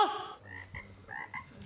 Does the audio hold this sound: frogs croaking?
yes